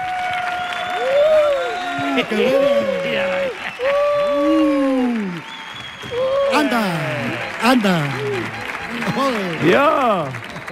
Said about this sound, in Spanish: Fuerte el aplauso